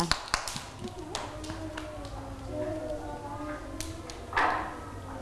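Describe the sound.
Several sharp, uneven hand claps at the start, then a few scattered claps as children's voices chatter and call out, with a brief louder burst of noise near the end.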